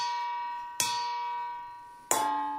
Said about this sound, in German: schlägt konzentriert mit einem langen Holzlöffel auf ein Nudelsieb. Das soll die Kirchenglocken imitieren, die zur christlichen Messe rufen.